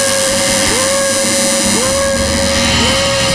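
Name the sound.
metro train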